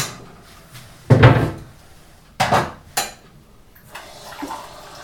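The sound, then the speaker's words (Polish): Kitchen clatter of a glass and small pot knocking together, a few sharp clinks, then a soft, steady trickle of a glass of water being poured into the small pot, with no talking. “I tak, do małego garnuszka nalewamy szklankę wody.”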